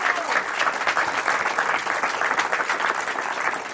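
Steady, dense applause from an audience for a person seated in the front row of the audience, many hands clapping in a continuous bright patter at an even loudness throughout, with no voices standing out.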